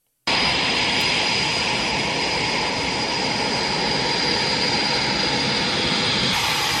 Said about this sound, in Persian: همزمان دو F-16 نیروی هوایی ترکیه از پایگاه آماری در استونی به هوا بلند شدند.